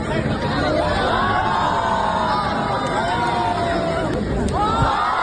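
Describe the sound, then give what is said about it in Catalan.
A large crowd roars steadily, a dense wall of cheering and applause with scattered shouts and whoops rising above it, loud and sustained throughout with no clear pause, as the audience's cheers decide the winner of a contest. “Qui rep més aplaudiments i crits és el guanyador.”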